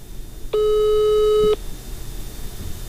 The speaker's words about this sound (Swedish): Jag ringer till det här numret flera gånger.